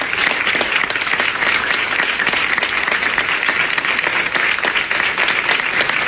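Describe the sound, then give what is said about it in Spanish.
Sustained applause fills the whole stretch, a dense steady patter of many hands clapping at an even loudness with no talking over it, in the newsroom of La Sexta Noticias. “Los aplausos en la redacción de La Sexta Noticias.”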